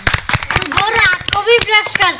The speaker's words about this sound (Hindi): भाई वाह, बजाओ जोरदार ताली।